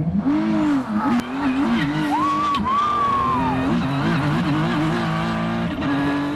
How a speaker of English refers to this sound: We were just going 190 miles per hour around this track, flying past some of the most iconic sites in Washington, D.C.